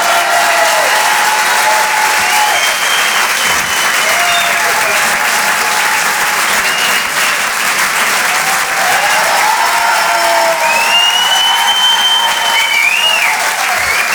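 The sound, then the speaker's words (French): Loud, sustained applause from an audience for Alex Vizorek at Rire et chanson, a dense steady roar of clapping lasting the whole stretch, with a few cheers and whistles rising above it. “Faites un tonnerre d'applaudissements, s'il vous plaît, pour Alex Vizorek.”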